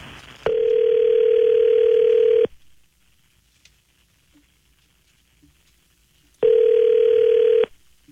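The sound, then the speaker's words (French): A telephone ringback tone sounds twice as a call is placed, each a steady buzzing ring of about two seconds separated by roughly four seconds of near silence, clear with no talking. “Fait que on est prêt à essayer d'appeler?”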